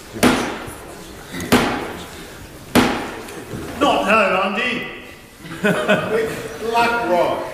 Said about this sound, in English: But there was no escaping the political manoeuvring, even as Black Rod knocked at the door of the Commons to summon MPs.